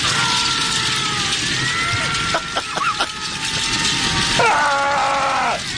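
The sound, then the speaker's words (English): A loud, roaring out-of-control fire in a fireplace with a dense, steady rush of noise, sharp crackles and pops breaking through, and thin whistling tones rising and falling over the blaze. “And this is a not-so-calm fireplace.”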